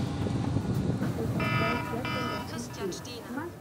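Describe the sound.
A telephone rings twice in short, buzzy bursts of steady electronic tone over a constant low rumble, a call from a pyrotechnician aboard a fireworks ship, and then a voice begins speaking.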